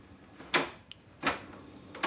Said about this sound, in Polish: Jeżeli chodzi też o przełącznik ścieżek, to u mnie jest suwakowy i mniej więcej taki dźwięk wydaje, może to zademonstruję, bo teraz mi się włączy jak